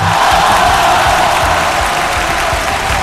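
A loud, dense crowd roar of clapping and cheering fills the whole few seconds, steady, with whoops and shouts blending into the wash of noise and no speech over it.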